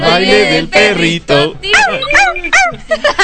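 Dogs bark and yip loudly. A few drawn-out whining calls give way to a quick, bouncy run of short, high yips in a steady rhythm.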